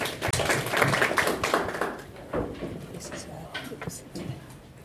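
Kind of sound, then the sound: crowd, audience clapping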